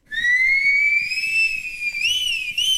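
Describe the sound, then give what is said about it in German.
A single clear tone whistled by a person's lips glides slowly upward, then wavers and dips in a couple of quick bends near the end. It is loud, with no talking. “Das Pfeifen ist so etwas wie der Urton unserer Zivilisation.”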